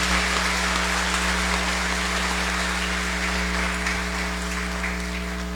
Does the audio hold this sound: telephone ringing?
no